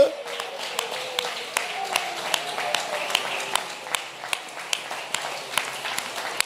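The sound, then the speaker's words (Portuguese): An audience claps hands together in praise to God in a steady rhythm, sharp unison claps about twice a second, with a murmur of voices running underneath throughout. “Louve, glorifique, exalte, bate palmas, faça alguma coisa.”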